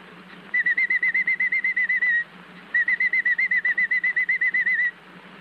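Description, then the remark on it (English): A canary chirps in two long, rapid trills of high, evenly repeated notes separated by a short pause, clear, with no talking. “chirps through the day this way.”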